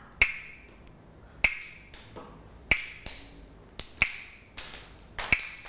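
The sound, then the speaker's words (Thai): A Thai wooden krap clapper strikes sharp, dry clacks in a slow, steady beat, about one every second and a bit, with faint softer taps between, alone with no voices; a teacher uses it to give slow-rhythm signals for children's morning exercise movements. “ก็จะให้เสียงสัญญาณการเคลื่อนไหวนะคะด้วยอุปกรณ์ชิ้นนี้อะไรเอ่ยกลับมือนั่นเองเด็กๆต้องฟังเสียงสัญญาณนะคะไม่ว่าจะเป็นสัญญาณจังหวะช้า”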